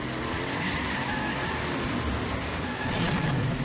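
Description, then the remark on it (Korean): The Super Cheetah truck races at full speed, its engine roaring in a steady, loud rush of noise with a low rumble underneath, swelling slightly toward the end. No voices. “그렇게 나오신다면 슈퍼치타 트럭 전속력으로!”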